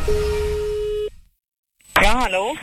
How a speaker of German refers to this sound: Und jetzt klingelt da auch noch das Telefon.